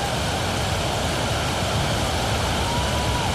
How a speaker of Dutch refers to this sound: Het is echt aan het gieten, hoor.